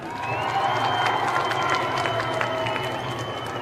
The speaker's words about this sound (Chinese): 来，现场科罗马的球迷朋友们，让我们给队员们再加加油好吗？来，科罗马队，科罗马队，科罗马队，掌声！